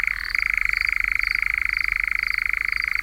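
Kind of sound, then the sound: bird, nightjar churring call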